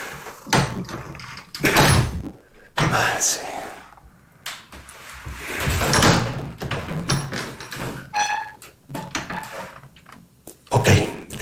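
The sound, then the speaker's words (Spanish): An old door in an old building with thick walls is worked open with scraping creaks, then slammed several times in heavy, echoing thuds, with a few voices murmuring in between. “Bueno, vamos a ver si esta puerta.”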